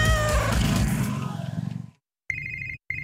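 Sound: cat meowing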